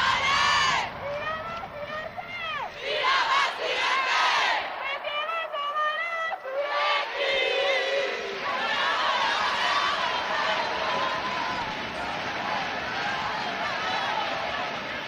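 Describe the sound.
A loud crowd chants and shouts continuously, following the team's MVP calling through a megaphone, with many overlapping voices forming a dense, sustained roar for the whole stretch.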